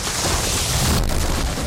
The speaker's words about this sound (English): Oh no, my car! My yard guy said he could cut down this tree, but now I've got a tree on my car.